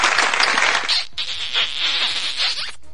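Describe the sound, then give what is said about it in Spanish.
A burst of dense, crackling applause, like an audience clapping together, on the radio program Amor en el Aire Radio, fills about three seconds at steady volume, broken only by a brief dip partway through. No one speaks over it. “¡Bueno, aplausos!”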